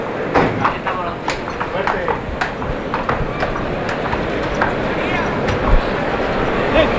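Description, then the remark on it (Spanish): The picadors' horses' hooves clip-clop as they enter the bullring during a bullfight, among them the chestnut horse Tamagotchi, 7 years old and 560 kilos, in a steady, uneven walking rhythm, moderately loud, over a constant murmur of background voices and crowd noise. “Ya están los picadores en el ruedo.”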